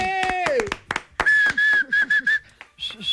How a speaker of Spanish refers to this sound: Aplauso. ¡Bravo!